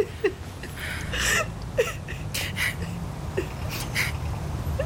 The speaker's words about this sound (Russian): Мам, ну ты что, хорошо, все, не плачь, а то я тоже зареву.